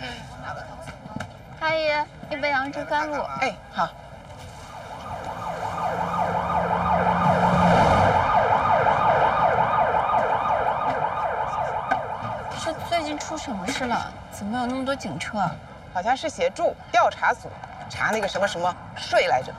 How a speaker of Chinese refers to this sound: 这最近出什么事了？怎么有那么多警车啊？ 好像是协助调查组查那个什么什么税来着，到底是什么？我也不懂啊。